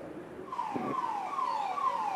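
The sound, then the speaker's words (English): The siren of a Rapid Action Force anti-riot vehicle blares as it follows a convoy of buses and supporters in a march to the Supreme Court. It cycles in quick repeated downward-sweeping wails over a steady rumble of street noise, with no talking. “I'm at the tail end of that convoy of buses and the supporters, with the RAF blaring this siren behind me.”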